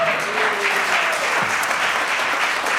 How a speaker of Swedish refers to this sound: Jag kan stå och tala om varför publiken applåderar var att klockan står på noll